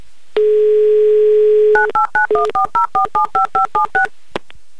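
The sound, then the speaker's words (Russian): A steady telephone dial tone hums for over a second, then about a dozen short, evenly spaced touch-tone beeps dial a number in quick succession, ending with a faint click, as a Humor FM radio host calls a listener in Blagoveshchensk. “Набираю ваш номер.”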